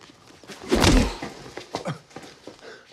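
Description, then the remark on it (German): A strong right-hand punch lands with a heavy thud early on, followed by a few softer, scattered knocks and scuffs, with no one speaking. “So eine starke Rechte hätte ich dir gar nicht zugetraut.”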